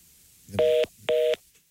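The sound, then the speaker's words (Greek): Two short, evenly spaced beeps of a telephone busy tone after a call dropped, a steady dual-pitched electronic hum pulsing on and off over a quiet line, with no voices. “Και αυτό έπεσε, οπότε”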